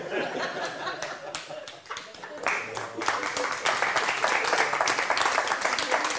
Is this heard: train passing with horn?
no